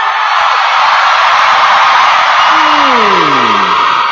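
A large audience yells together on cue after a count of three, in one loud, sustained roar that fills the whole stretch without letup, a dense, overwhelming wall of voices, with a falling voice sliding down near the end.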